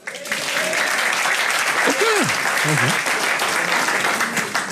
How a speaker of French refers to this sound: Mais madame, mais on peut pas applaudir ça.